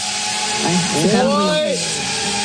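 A delivery drone buzzes overhead with a whiny, motor-like drone whose pitch swoops up and down as it moves, heard steadily over a constant background hum.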